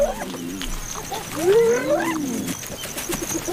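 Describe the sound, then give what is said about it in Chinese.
A clan of spotted hyenas whoop and call over one another while noisily feeding, with several rising, wavering cries overlapping at a moderate loudness above a steady background hiss, and no voices. “斑鬣狗的进食风格是非常吵闹的，它们使用一系列的呜咽、叫喊和呼唤声来交流。”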